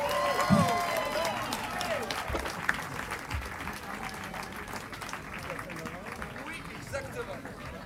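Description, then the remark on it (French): Steady applause from a large audience for musicians, dense and continuous, with a few whoops and murmurs of chatter mixed in, fading slightly toward the end. “il faut l'applaudir, sinon il ne revient pas.”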